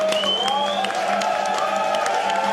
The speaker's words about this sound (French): Et on applaudit l'hymne suisse quand même.